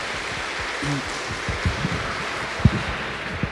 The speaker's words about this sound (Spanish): ¡Que viva la Virgen María! Un aplauso para ella, por favor.